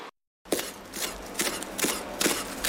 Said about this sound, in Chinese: 蛤楼叶切丝剁碎，入锅炒至脱水备用。